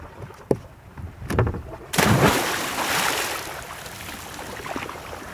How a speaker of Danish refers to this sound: Ja, hun ramte i hvert fald vandet over. Jeg kan godt afsløre, det er koldt. Og vandet er koldt.